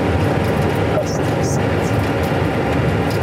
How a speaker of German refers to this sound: Der Flug nach Larnaca hebt ab. Ein Flug auf die Insel Zypern.